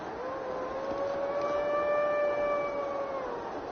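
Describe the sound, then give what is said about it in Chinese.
A single adult red deer stag, at least six years old with a light grey coat, calls at dawn from high on a mountainside by a forest pond in the Greater Khingan Mountains, a long, high, whistling bugle holding a steady pitch for about three seconds, clear and fairly loud over a faint background hiss. “鹿鸣， 而且就是在山上比较高处的地方很明显，但我看只有一头鹿在行动。”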